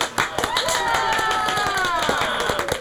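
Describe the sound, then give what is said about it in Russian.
Steady applause of many hands clapping irregularly for a few seconds, with wavering high tonal cries or whistles rising and falling over the claps. “Собственно, с этого события люди и начали выражать знаки одобрения похлопыванием щек, ладошей, плеч и других выступающих частей тела.”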